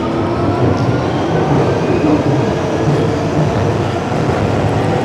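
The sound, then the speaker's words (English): A loud, steady Victoria Line underground tube train rumbles along, its dense low roar and rattling carriage noise continuous, with faint metallic squeals above, no voices present. “Apparently, sound art students are told by their tutors at university to avoid using tube and train recordings for their assignments because it's seen as a bit of a cop-out.”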